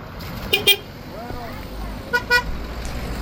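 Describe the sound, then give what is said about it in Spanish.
Car horns honk in two quick pairs of short, bright toots, a couple of seconds apart, against a steady outdoor road ambience with a low rumble of traffic, in the morning on the La Culata road in Tejeda, newly reopened to traffic after repair works. “Y este era el sonido esta mañana de la carretera de La Culata en Tejeda.”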